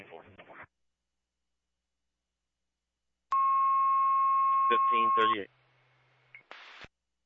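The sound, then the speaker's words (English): A loud, steady electronic tone sounds for about two seconds over a radio channel, followed by a shifting warble of pulsed tones, then a brief burst of static as the transmission cuts out: fire dispatch paging tones, a repeat set for Westcomb Falls Fire's second call to the McDonald's at 192 Corinth Road, where a tree is down and lines are burning. “Go with one more set of tones, sir.”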